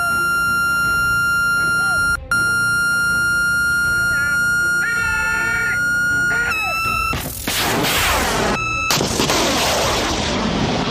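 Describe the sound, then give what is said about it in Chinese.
A steady, high electronic lock-on tone from a missile launcher, sounding as the shooter locks onto target drones flying in a two-aircraft formation, drones continuously, briefly cutting out and wavering, before a loud roaring blast of the missile launch swamps it near the end. “听到这个蜂鸣声，就是我们的射手已经开始锁定目标了。”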